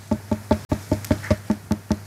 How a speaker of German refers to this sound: Das so richtig hohl klingt. Denn mit zunehmendem Wassergehalt wird der Ton heller. Wenn sie noch nicht so reif ist, ist sie dunkler, dumpfer. So, heller, hoher Klopfton bei der Wassermelone.